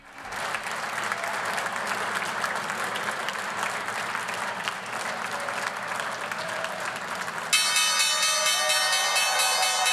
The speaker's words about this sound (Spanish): Mientras tanto, son ya las 3:30, toca la campana al otro lado del Atlántico. Vamos a irnos en directo a la Bolsa de Nueva York, a ver qué es lo que hace la bolsa estadounidense.